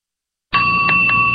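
A bell rings out suddenly after a moment of silence, a bright sustained tone with a steady ringing hum and a couple of faint repeated pulses, fairly loud.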